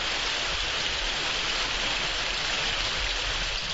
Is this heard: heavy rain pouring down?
yes